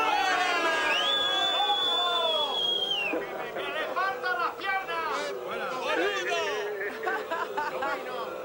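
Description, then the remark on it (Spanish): A large crowd boos loudly and steadily, many voices overlapping in a sustained jeer, with a shrill whistle cutting through near the start and no clear speech. “¿Nos vas a permitir que te despidemos con este abucheo?”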